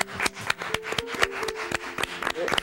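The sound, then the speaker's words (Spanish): Audience applause for a couple after a recited poem toasting their union: a steady patter of many sharp, bright claps overlapping in an irregular rhythm, with a faint murmur of voices underneath. “¡Un aplauso para ellos!”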